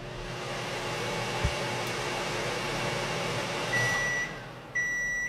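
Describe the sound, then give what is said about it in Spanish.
A microwave runs at maximum power, a loud, even whir throughout, then two sustained electronic beeps from an oscilloscope sound near the end, one after the other, signalling all is OK. “lo pone a tope, a máxima potencia, y lo pone a tope, sí, hasta que oiga que yo tengo aquí un osciloscopio y va a oír un pito.”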